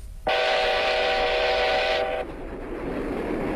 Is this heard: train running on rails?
yes